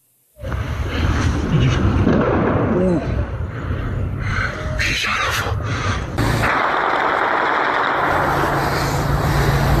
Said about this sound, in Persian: بچه حالا خیلی با تیر جنگی زدن شهرک خانه اصفهان. مردم ها دارن با تیر جنگی میزنن.